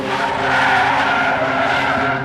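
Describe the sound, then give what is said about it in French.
A car brakes hard, its tires skidding and screeching loudly for a couple of seconds, sustained, with no voices present. “Elle sortait du tram de Pérol, à proximité de Montpellier, qu'elle allait rejoindre des amis à une soirée, et que sur le chemin à pied, une voiture s'est arrêtée.”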